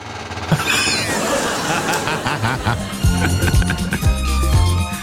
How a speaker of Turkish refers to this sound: Şu sandalyenin üzerine, oturan üzerine bir sağa sola döner misin? Bir dakika. Bir dakika. Senin çıkardığın silecek sesi gibi. Hah, şimdi oldu. Bak oldu bak şimdi.